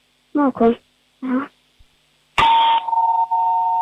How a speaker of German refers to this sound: Und dann hätten wir noch gerne natürlich die Türklingel gehört.